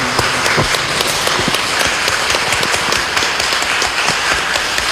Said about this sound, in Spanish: le damos un aplauso en su cumpleaños.